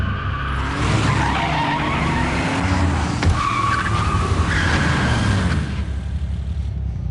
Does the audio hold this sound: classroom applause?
no